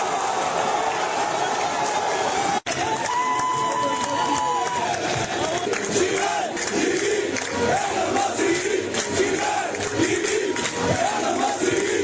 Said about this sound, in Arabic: هكذا كانت فرحة الجمهور المصري بعد المباراة.